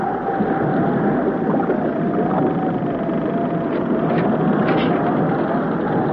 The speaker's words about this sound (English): Is the storm getting worse, Jerry? The boat is tossing about much more.